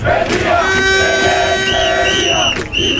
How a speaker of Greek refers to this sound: Για να τα θυμόμαστε, παιδιά. Αυτές είναι φωνές από τους αγανακτισμένους.